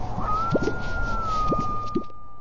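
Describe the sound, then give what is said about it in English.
Several brief, low, bubbling pops from a displaying male bird pushing out pouches in its chest, spaced about a second apart, heard over a steady hum and a bed of outdoor background noise. “They push out pouches in their chest to make loud, burbling noises.”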